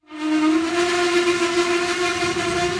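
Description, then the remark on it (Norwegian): A train leaving Lithuania's capital Vilnius for Trakai on a bright April day sounds a long, loud, steady horn blast, the tone holding unbroken for a few seconds over faint rumbling noise, with no voices. “Vi har gått inn på et tog som ristet av gårde fra Litauens hovedstad Vilnius mot den historiske byen Trakai.”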